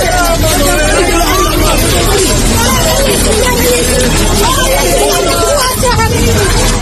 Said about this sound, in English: These people can be heard shouting moments before a building collapsed at 6 a.m. local time and 11 p.m. last night, Irish time.